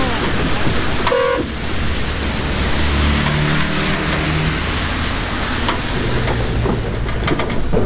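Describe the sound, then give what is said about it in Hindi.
A vehicle approaches along a rough road in dense fog under a steady, loud roar of engine and wind noise, with a brief horn toot near the start and a low droning hum building in the middle. “ओ, गाड़ी आ गई।”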